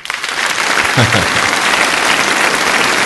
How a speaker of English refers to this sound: And it's the long applause too.